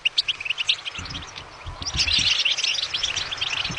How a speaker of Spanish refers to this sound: Qué bien suena, muy bien. ¿Así que has dicho qué es? Un jilguero. Un jilguero, muy bien, has acertado.